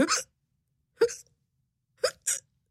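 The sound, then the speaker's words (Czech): A voice imitates a cat hiccuping as it lies under a table in a laboratory: four short, sharp hiccups, the first two about a second apart, then a quick pair close together, with silence between. “Podíval se pod stůl, kde ležela jeho kočka a škytala.”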